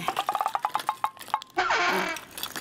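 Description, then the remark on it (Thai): A bottle of sleeping pills falls out of a bag and clinks in a quick, uneven series of sharp taps, then gives way to a denser, hissing rattle as it settles. No one speaks. “เฮ้ยกระปุกยานอนหลับไปไหนวะเนี่ยฉันใส่ไว้ในกระเป๋าอ๋อตะกี้มันร่วงลงมามันต้องกระเด็นอยู่แถวนี้แน่ๆ”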